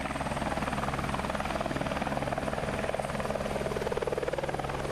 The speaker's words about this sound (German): Ein besonderes Highlight waren die Rundflüge mit dem Hubschrauber.